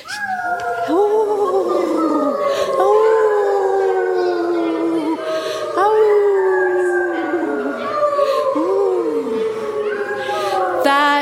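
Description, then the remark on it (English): Several wolves howl together in a chorus, long overlapping rising and falling tones weaving over each other continuously, loud, with no talking. “Has anybody here heard wolves howling? It's a beautiful sound.”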